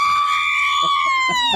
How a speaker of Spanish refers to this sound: A ver, un grito mexicano.